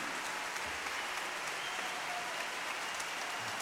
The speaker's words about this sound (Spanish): Un aplauso a Jano y su tribu.